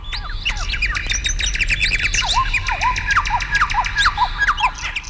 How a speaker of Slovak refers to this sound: V lese bolo krásne. Vtáci spievali, vietor knísal stromy